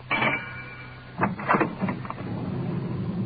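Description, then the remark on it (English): The engine of a police radio car rumbles as the car moves slowly, swinging around into a bumpy alley, with a brief whine at the start and a few short knocks and bumps partway through. “Swinging around to get into the alley.”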